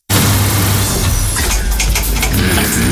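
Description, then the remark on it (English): A loud, steady mechanical hum with a low drone shifts partway through as rattling, clanking noises break in, like an air conditioner unit struggling and quitting. No one speaks. “If your AC quits, don't sweat it.”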